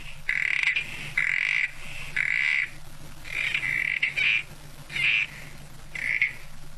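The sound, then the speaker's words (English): A southern corroboree frog calls repeatedly at Kosciuszko National Park near the New South Wales-Victoria border in Australia, a series of short, buzzy squelching croaks roughly every second, clear, with no voices present. “More than 1,400 southern corroboree frog eggs are being released there as part of ongoing conservation of the species.”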